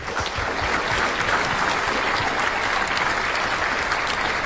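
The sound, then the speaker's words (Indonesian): A crowd at a quiz competition applauds steadily for Team A, a dense wash of many hands clapping at a fairly loud, even level with no voices rising above it. “Ya, beri tepuk tangan untuk Regu A.”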